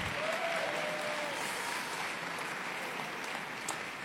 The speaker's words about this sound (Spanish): Dar un fuerte aplauso de honra.